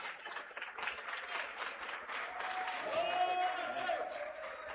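A crowd at a church service claps steadily for several seconds to glorify the name of Jesus, a dense rush of many hands at moderate volume, with scattered voices and a brief high tone rising through the middle.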